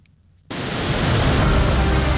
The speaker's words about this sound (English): one of the world's largest and most spectacular waterfalls, the Iguazu Falls, which span nearly 3 kilometres and sit on the border between Argentina and Brazil. Let's give you a sense of how impressive they are from a BBC travel programme.